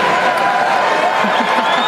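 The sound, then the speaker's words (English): A crowd at the 2026 NHL draft cheers loudly and steadily for two seconds, a dense wash of voices and clapping with no pause, and a thin high whistle rising near the end, as Layla Edwards returns to make the San Jose Sharks' selection. “It's a good crowd. Really good crowd.”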